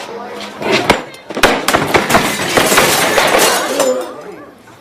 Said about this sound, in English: Looking furious, he throws a chair across the room.